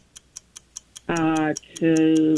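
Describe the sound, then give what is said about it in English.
A quiz game's countdown clock ticks in a quick, steady rhythm, about five ticks a second, while a contestant tries to name three things, then two long, loud, harmonic buzzer tones sound as time runs out, the second continuing to the end. “You're ready to start the clock.”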